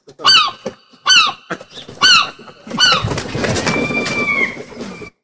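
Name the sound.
seagull calls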